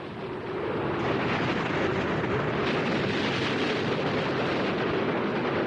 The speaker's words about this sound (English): Stares out at the raging sea. Two oceans meeting, head on! The Bounty plowed through the surging white waves that crash continually over the deck.